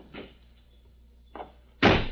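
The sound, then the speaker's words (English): A car door slams shut with a heavy thud that lingers briefly, preceded by two softer clicks and rattles of the handle and latch, as the car's brake is released by a road. “Then stand aside while I release the brake and close the door.”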